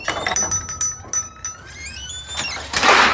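A kitchen drawer slides open or shut with a metallic scraping glide and scattered clinks and rattles of utensils inside, clear, ending in a louder rush of noise.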